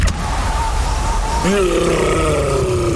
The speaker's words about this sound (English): That's the sound of a Yeti in the fridge. Yeah, there's a Yeti in the fridge.